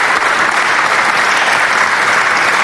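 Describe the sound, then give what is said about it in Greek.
Sustained applause from the parliament welcoming back deputy minister Giorgos Milonakis after his recent health ordeal, a dense, even wash of clapping that holds steady at full loudness throughout, with no voices standing out above it. “Με χειροκρότημα η Βουλή υποδέχθηκε τον Γιώργο Μιλωνάκη, τον υφυπουργό παρά τον πρωθυπουργό, που πρόσφατα η υγεία του πέρασε περιπέτεια.”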